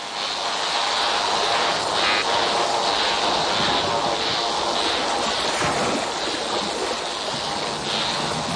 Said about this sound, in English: The sounds we're listening to were recorded underwater at Australia's Great Barrier Reef.